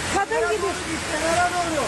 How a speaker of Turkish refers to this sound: Sağanakla birlikte sokaklarda dereler oluştu. Bazı yollar göle döndü.